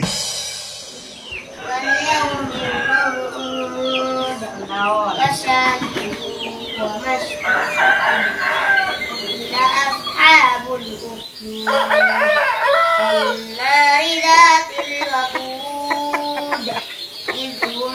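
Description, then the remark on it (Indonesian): Several roosters crow one after another and overlap, calling back and forth on a cool morning in the hamlet of Trebungan, Lenteng Barat village, Lenteng district, Sumenep, with hens clucking and birds chirping from tree branches filling the background. “Suara koko ayam bersahutan.”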